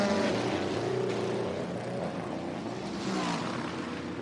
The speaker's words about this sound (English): A little bit long on the right rear, but not a delay as they still pack the virtual energy into that car. And off and away, the Cadillac roars.